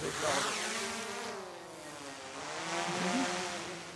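A drone buzzes steadily as it is flown up again to search a meadow, its high, layered motor whine swelling and easing in pitch as it flies, holding for several seconds with no one speaking.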